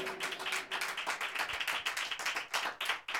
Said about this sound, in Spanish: Dele palmas al Señor si usted se alegra, si esto le trae fortaleza a su vida.